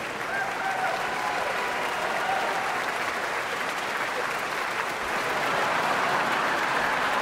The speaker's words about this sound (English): There is a massive standing ovation for Emmanuel Ax, whose many honors include multiple Grammy Awards and the Avery Fisher Prize.